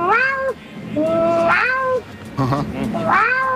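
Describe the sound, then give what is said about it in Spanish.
A woman imitates her own cat with a series of loud, drawn-out meows, each rising and then sliding down, separated by short pauses. “Mi gata. Por ejemplo.”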